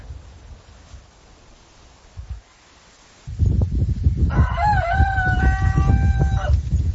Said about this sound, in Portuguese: Olha Fábio só, Zavana, galo inglês, hein? Esse é chique.